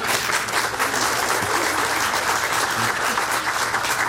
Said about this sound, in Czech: Tady máte potlesk, to zaslouží potlesk celého publika, myslím.